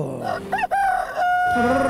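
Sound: rooster crowing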